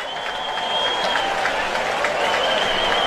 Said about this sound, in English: Nice round of applause by the Cardinal fans here as Brule will be taken out now.